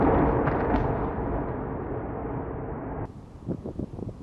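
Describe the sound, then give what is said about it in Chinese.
A missile strikes a building, setting off a massive explosion that roars loudly, its deep rumble slowly fading over a few seconds, then cuts to a quieter scene with scattered dull thuds and crackles. “导弹击中建筑物，发生猛烈爆炸。”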